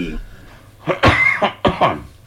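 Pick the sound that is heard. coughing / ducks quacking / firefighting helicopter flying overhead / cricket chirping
coughing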